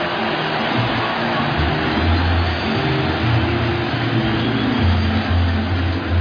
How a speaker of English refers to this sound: But listen to the crowd greet Jackson Churio. Now he strolls to the plate to lead off this bottom of the seventh against Adrian Morahone.